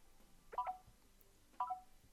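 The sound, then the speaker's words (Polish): Two short electronic beeps from a touchscreen's exploration mode, triggered by placing a finger on the screen, each a quick pair of bright tones, sounding about a second apart against a quiet background with faint low rumble. “I słyszymy dokładnie, słyszymy tego typu piski.”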